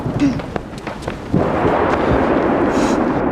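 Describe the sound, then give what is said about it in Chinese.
Low, rolling dry thunder with no rain rumbles through, quieter and uneven at first, then swells abruptly into a loud, sustained roar that carries on to the end. “没有啊，干打雷不下雨，都好几次这样了。”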